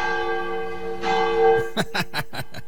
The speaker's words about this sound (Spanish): Ya está mi tío Leno sonando la campana.